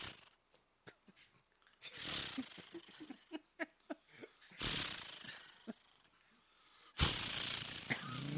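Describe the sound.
A person vocally imitates a chainsaw starting up: choppy, sputtering pull-start noises between three loud, rasping revving bursts, forceful, with the last roar running to the end.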